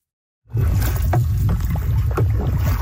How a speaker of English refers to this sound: These Lloydminster teens were paddling with a purpose. 350 kilometers down the North Saskatchewan River.